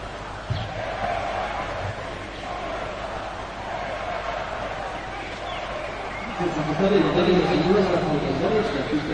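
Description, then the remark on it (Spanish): A large outdoor crowd at the national day military parade in Madrid murmurs and calls out continuously, shouting and booing against the prime minister, swelling louder near the end, heard from some distance with a dense, roaring texture. “Pues con gritos que se escuchaban desde la distancia en contra del presidente del Gobierno, arrancaba ese desfile.”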